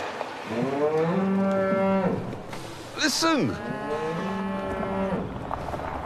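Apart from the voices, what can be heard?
calf mooing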